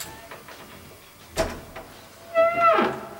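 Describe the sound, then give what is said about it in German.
A few faint metallic clicks and a sharp clack as a door chain is hooked onto an apartment front door, followed by the door being opened cautiously with a squeaky creak. “hängte die Kette vor die Tür und öffnete sie dann vorsichtig.”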